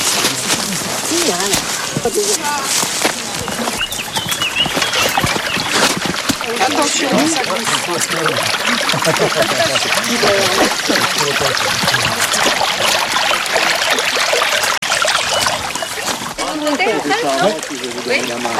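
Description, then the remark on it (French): Steady rushing of the Vers stream fills the whole recording, a continuous wash of water with bits of splashing, while voices talk intermittently underneath. “Ouais, là, c'est le Vers. Et donc, pour capter l'eau au ruisseau, il a fallu faire des petits aménagements, qu'on va aller voir tout de suite.”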